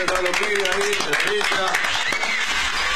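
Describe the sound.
A short burst of clapping from a small group, steady, with voices talking over it the whole time, applauding the show's general producer as the crew is introduced.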